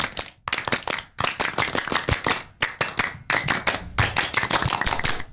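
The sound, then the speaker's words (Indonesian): A group claps in a fast, patterned rhythm, the Pramuka scout clap: crisp, loud bursts of hand claps broken by short pauses, repeated through two rounds with no talking. “Seperti dua kali tepuk pramuka.”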